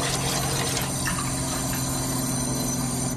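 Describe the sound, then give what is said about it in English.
Unfiltered tap water pours steadily into a container for a few seconds, a continuous splashing rush with no talking, collected to test with a parts-per-million water meter. “First thing we'll do is get some unfiltered tap water.”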